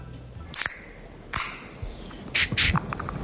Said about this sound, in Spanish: Espérate que yo creo que es la lata de cerveza, pero estamos dudando porque no está aquí apuntado en estos momentos. A ver, es buena, es la lata de cerveza. Es la lata de cerveza, sí, sí.